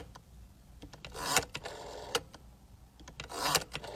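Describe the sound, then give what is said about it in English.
A rotary phone being dialed: two whirring turns of the dial, each followed by a run of quick mechanical clicks as it spins back, with faint ticking in between. No one speaks. “She said, how about this one, the rotary phone?”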